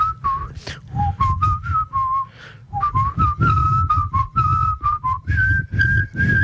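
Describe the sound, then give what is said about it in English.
A person whistles the first phrase of the folk song Bella Ciao in clear, steady notes, the tune stepping up and down with brief pauses between phrases, over a low rumbling background, while a group kneels silently with heads on the ground. “Someone whistled the first phrase to Bella Ciao while we were all meant to be quiet on the ground.”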